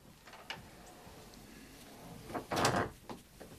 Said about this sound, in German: Kommen Sie rein, machen Sie die Tür zu.